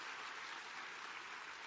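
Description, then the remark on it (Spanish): A church audience applauds the Lord in a steady, dense wash of many hands clapping together, loud and sustained throughout with no talking over it. “Ah, aplauda al Señor, que Él es merecedor de toda la gloria.”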